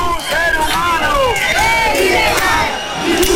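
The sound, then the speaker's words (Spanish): A group of about 50 people in a corner of a square in Ceuta, Spain, shout slogans against racism and for human rights in a loud, continuous roar of overlapping raised voices, steady throughout, with no quiet breaks. “En una esquina de la plaza, un grupo de unas 50 personas hacía proclamas a gritos contra el racismo y a favor de los derechos humanos.”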